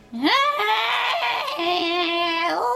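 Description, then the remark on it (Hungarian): A sleepy parrot in a large cage hanging in a room lets out one long, loud, harmonic squawk that rises sharply in pitch, then holds steady with a slight waver and dips at the end, with no other sounds. “Azt értetted, amit papagájul mondott?”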